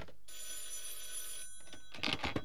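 A telephone bell rings in one sustained, bright burst lasting just over a second, fairly loud, followed by a short pause and a few brief noisy clatters.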